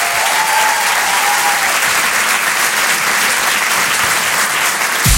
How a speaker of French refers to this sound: Je vous demande un tonnerre d'applaudissements là aussi pour Philippine Delair.